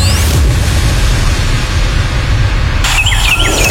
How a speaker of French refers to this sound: Et on est de retour, comme toujours, avec nos petits oiseaux qui font du bien